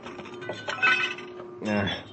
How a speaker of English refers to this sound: Watch out for the glass. You want me to go first, sir? Wait till I knock these sharp splinters loose.